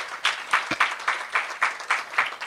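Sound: audience applauding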